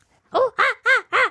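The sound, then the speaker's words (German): A person imitates a monkey with four loud, quick hooting calls in a row, each voiced sound arching up and down in pitch, with no other talking. “Gib mir mal dein bestes Affengeräusch.”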